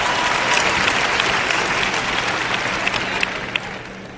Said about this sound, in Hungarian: Gyerünk, tapsoljuk meg Istent!